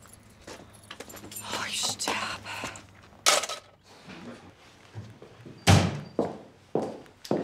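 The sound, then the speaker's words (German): A door that does not close by itself is pushed shut at someone's home with a solid, low thump, preceded by jangling keys and scuffling movement, with a few softer knocks and clatters following afterward. “Die geht nicht von allein zu.”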